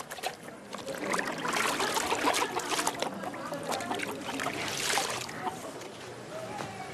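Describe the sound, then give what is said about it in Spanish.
Wet clothes are lifted out of water to be hung to dry, with continuous sloshing and dripping trickles that swell and ease over several seconds. “Saca ya la ropa del agua para que se seque antes de la noche.”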